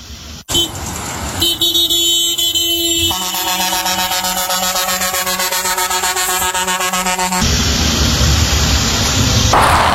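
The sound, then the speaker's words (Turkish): Several car horns honk loudly and continuously, overlapping in long sustained blasts with different pitches, over the rumble of traffic in the city centre of Menteşe and on the Muğla ring road, drivers honking to celebrate a man's recovery from cancer, with no talking. “Şehir merkezi ve Muğla çevre yolunda yazıyı gören sürücüler kornalarına basarak”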